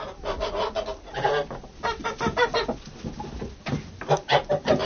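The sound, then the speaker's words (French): A noisy flock of geese on a farm, being force-fed maize, gives continuous rough honks and cackles, the calls overlapping in rapid bursts with a raspy, clucking edge, and nobody speaking. “Docteur Labeille, pouvez-vous nous expliquer comment se passe le gavage d'une oie, c'est-à-dire ce qui se produit dans l'oie lorsqu'on la gave?”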